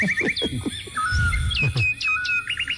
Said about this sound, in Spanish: 7 de la mañana. Los pajaritos se despiertan.